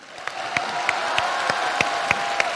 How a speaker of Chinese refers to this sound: 我们把掌声送给那些刚才举手说吸不住的观众。